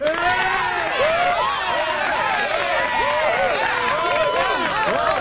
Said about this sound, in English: I just had to squeeze in some applause. Well, of course.